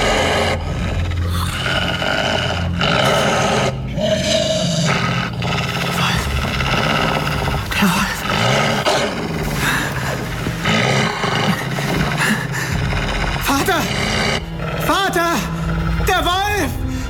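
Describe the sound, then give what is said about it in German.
A wolf growls close by inside a hut, a deep, rough rumble that stays loud and continuous for the whole stretch, with a few higher, wavering whines breaking through toward the end. “Wolf, er ist hier in der Hütte!”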